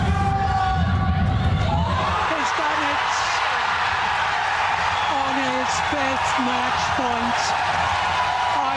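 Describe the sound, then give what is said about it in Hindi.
A stadium crowd at the Indira Gandhi International Stadium erupts in loud, sustained cheering as Ayush Shetty of India scores match point against reigning world champion Shi Yuqi of China; the cheering swells after a moment, with repeated high whoops and shouts rising above the steady roar. “आयुष का match point score करते ही Indira Gandhi international stadium में मानो जोश का एक विस्फोट हुआ।”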